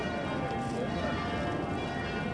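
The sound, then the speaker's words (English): Church bells ring continuously in a dense, overlapping peal, their tones blending into a steady wash of clanging, with a faint murmur of background noise beneath. “there was certainly plenty of noise with those church bells.”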